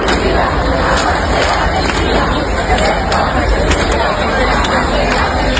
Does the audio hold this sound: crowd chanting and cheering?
yes